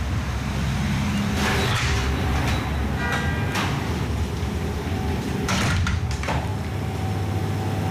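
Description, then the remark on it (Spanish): The door of Cookie Bakery at Colón de la Reategui 34, near Plaza Elíptica, slides open as someone enters, with a few scraping, clattering bursts over a steady rumble of street and indoor background noise; no one speaks. “Bueno, lo primero que tengo que decir es que ha sido cruzar la puerta y qué aroma.”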